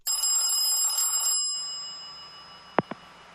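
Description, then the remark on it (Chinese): A telephone rings loudly for about a second and a half, then cuts off. A low hum remains, and two sharp clicks follow near the end, like a handset being picked up. No one speaks. “哪个窝囊废有胆打电话没胆说话啊？”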